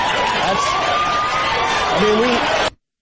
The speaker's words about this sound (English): That's sick. And people cheer it. Woo!